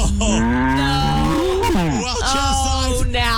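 A cow moos in a long, loud, drawn-out call that bends in pitch, heard close up and followed by a few shorter, rougher lowing sounds.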